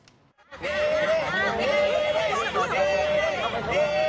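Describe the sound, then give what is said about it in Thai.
A dense crowd of Thai fans chatters outdoors outside a venue in the United States, unable to get in to cheer for Nene, overlapping voices forming a steady babble with occasional louder calls and laughter rising above it, beginning abruptly after a brief quiet moment. “เข้าไปเชียร์ด้านในไม่ได้เนี่ยก็มากันเยอะมากันแน่นเรียกว่าเป็นการรวมตัวกันของคนไทยในสหรัฐแบบไม่ได้นัดหมายก็ว่าได ้ เพื่อมาให้กำลังใจเนเน่นะฮะลองดูบรรยากาศกองเชียร์กันหน่อยครับ”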